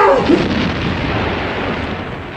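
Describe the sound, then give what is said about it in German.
A heavy aerial bomb blast on an artillery battery bursts at the start, then a broad, rumbling roar slowly fades over a couple of seconds, with no voices. “Was waren wieder Fliegerbomben auf die Batterie?”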